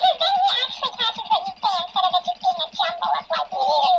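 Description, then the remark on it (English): A small pet bird chatters and chirps nonstop, its squeaky, warbling babble rising and falling like imitated speech, fairly loud, with no people talking. “I think the key thing with this little bird is to actually let him talk before you keep talking.”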